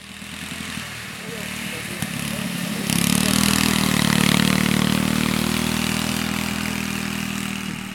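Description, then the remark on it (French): Riding lawn mower engines hum steadily, their low drone growing louder and fuller partway through and then holding, with faint voices talking in the background. “Bonjour, est-ce que vous avez essayé les tracteurs tondeuses ?”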